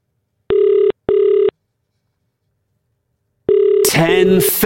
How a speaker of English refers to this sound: Shall we make this phone call? Hopefully. You've got your phone nice and close.